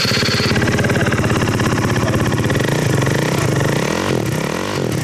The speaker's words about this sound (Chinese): 这辆摩托车不仅号牌卷翘弯折，还加装了射灯，改装了排气，启动油门后发出巨大的轰鸣声。